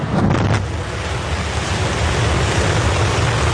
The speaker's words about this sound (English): On a picture-perfect early morning, 33 engines of Starship's Super Heavy booster roared to life. 4, 3, 2, 1.